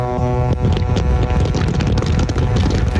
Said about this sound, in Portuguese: Nossa, cara, esse aqui, os caras deu uma buzinada legal, hein, gente, ó.